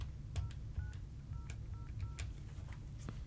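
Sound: telephone dialing tones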